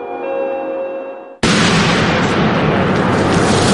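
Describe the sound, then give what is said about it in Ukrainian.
A single artillery shell strike about a kilometre away: after a brief steady tonal hum, a sudden loud blast bursts in and rolls on as a sustained, heavy roaring rumble. “Це приліт капав в кілометрі від вас.”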